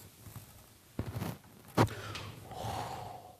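An audible breath drawn in sharply, then after a short pause a long, airy breath let out, with a brief click between them and no talking; a deep breath in and out, as taken when stretching the muscles.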